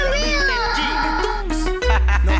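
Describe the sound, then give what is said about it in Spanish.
A cat gives a loud, drawn-out meow, its pitch bending up and down, followed by a shorter cry near the end, with a low steady hum underneath. “Ahí está la gata. La gata fiera.”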